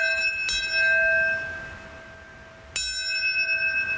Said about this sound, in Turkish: Amerikan Başkanı Donald Trump Pentagon'daki törene katılırken New York'taki törende eski Amerikan başkanları yer aldı. Çanlar, sirenler çaldı.